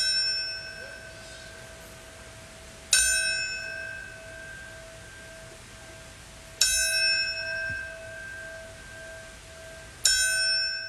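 A single memorial bell tolls slowly, struck three times at even intervals of a few seconds, each clear metallic strike ringing on and fading into a long sustained hum. No voices.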